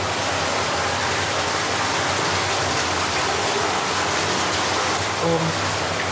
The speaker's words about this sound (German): nochmal hier hinten an den Rheinsteinschacht und gucken uns dann da an, wo das Wasser aus Tschechien hier in die Grube fließt. Genau, jetzt haben wir hier hinter der Tür ist dann das Wasser, was aus Tschechien kommt. Das ist aber jetzt sehr laut.